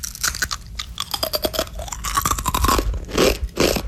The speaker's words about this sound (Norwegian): Du hører hva jeg spiser? Mm. Det høres godt ut I hvert fall. Ja, det jo noe som knaser, det sier seg selv. Det sånn knekkebrødaktig.